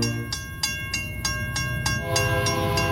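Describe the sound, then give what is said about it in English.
A freight train rolls past with a sustained, blaring horn, its wheels clacking in a steady rhythm of sharp beats, loud, with no voices. “A freight train travelling at 100 kilometres an hour can take up to 14 rugby fields to stop.”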